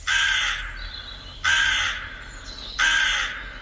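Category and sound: bird, raven cawing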